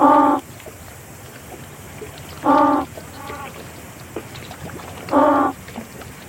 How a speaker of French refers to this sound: Et bien là, ce qu'on vient d'entendre, c'est justement une expérience de repasse acoustique en mer. Donc les premiers cris qu'on a entendus, c'est les cris qu'on a émis avec le haut-parleur. Et ensuite, on entend le groupe de manchots